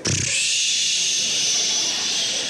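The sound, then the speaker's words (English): A voice imitates a train's air brake, mimicking the disappointed 'psh' of bummed-out people: a short low burst, then a steady, loud, breathy hiss held for over two seconds without fading. “They sound like a train, just, psh.”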